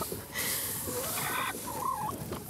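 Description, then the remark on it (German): Several hens cluck and croon in a henhouse with family nests as eggs are collected from under them, over a steady, noisy background, their short calls overlapping in an uneven, chattering rhythm with a few rising, drawn-out notes. “Weil wir ja hier was tun, was nicht dem Naturell der Hühner entspricht.”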